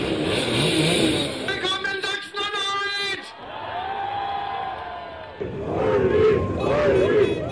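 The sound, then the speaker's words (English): A motorcade of mopeds, including Simson Schwalbe bikes, buzzes past on a Sunday in Quedlinburg, Saxony-Anhalt, led by AfD candidate Ulrich Siegmund on a blue moped; small engines rev in overlapping whines while a crowd shouts and cheers loudly throughout, voices rising again near the end. “Ulrich Siegmund, the AfD's 35-year-old candidate for the upcoming state election, is leading a motorcade atop a blue moped, the AfD's signature colour.”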